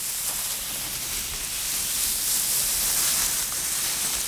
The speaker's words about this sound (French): Mais qu'est-ce que c'est, ce bruit dans les feuilles ? On dirait quelque chose qui glisse à toute vitesse. Ouh là là ! Ouh, je sais, c'est le serpent.